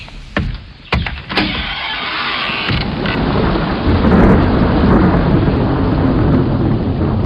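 A violent tornado storm roars steadily, with sharp cracks early on giving way to deep, continuous rumbling thunder and rushing wind-driven rain, loud, with no voices.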